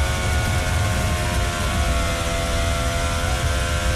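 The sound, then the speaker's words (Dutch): A racing car engine roars loudly and continuously for a few seconds in eighth gear on the car's first timed lap, heading toward the La Source hairpin, a harsh, buzzing drone with a steady tone as the revs ease off because of friction. No one speaks. “De toer die je daar terug hoort lopen is vanwege de wrijving.”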